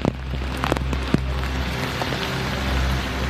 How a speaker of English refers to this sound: When it rains, conditions on Skid Row turn from dreadful to deplorable. Trash fills the sewers, the water rises, and people battle to keep their few possessions dry.